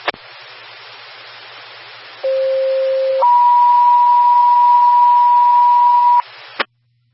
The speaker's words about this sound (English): Medic 73, test tones only, Central 3553. I received them that time, thank you.